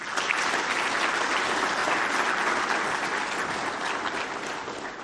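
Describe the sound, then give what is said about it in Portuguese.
Sustained applause from an audience at a symposium marking 40 years of the Prime Minister's office, honouring the state agents who kept it running; a dense, steady wash of clapping holding at an even, fairly loud level throughout, with no voices standing out. “A todos peço uma grande salva de palmas.”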